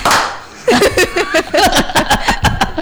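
A short round of hand clapping, several sharp claps in quick succession, mixed with chuckling and laughing voices after a brief burst of hiss at the start.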